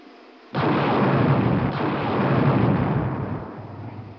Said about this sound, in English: Those small unmanned rocket ships you see leaving us will shortly be sending back television pictures as they fly near the surface.